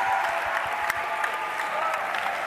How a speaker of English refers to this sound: All right, give the Lord a clap of thanks.